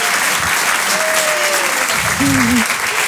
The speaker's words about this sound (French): Applaudissez, c'est très vite, très fort. Moi, ouais, je préfère.